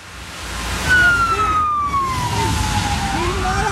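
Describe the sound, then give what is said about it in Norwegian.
A Norwegian police emergency response unit's black SUV wails its siren in a long falling sweep over a steady rumble of engine and road noise as it drives into a campsite in Norway. The siren is loud, and no one speaks. “Sånn bil ser ikke så ofte I Norge. Det jo for så vidt Delta-troppen som kom.”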